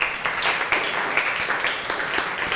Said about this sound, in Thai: ปรบมือให้กับทุกกลุ่มเลยค่ะ